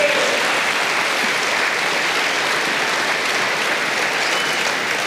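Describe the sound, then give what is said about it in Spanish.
An audience claps for the Lord loudly and steadily, a dense, even wash of applause sustained throughout without a break, with no talking over it. “Den un aplauso al Señor, hermano.”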